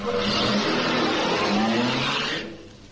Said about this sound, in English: Now, he'll get into the car. He'll start the engine. And then he'll drive off.